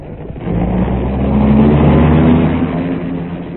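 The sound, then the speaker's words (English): A dark car's engine revs up loud, its rumbling pitch rising and swelling as the car pulls away, then easing off slightly toward the end. No voices are present. “In a dark car with a hat pulled well over its eyes, Seacombe was next driven to a submerged airport.”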